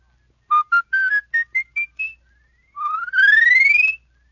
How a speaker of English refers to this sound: Now with your palate whistle, you can run a whole octave.